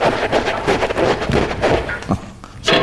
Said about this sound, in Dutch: doe die deur eens even open.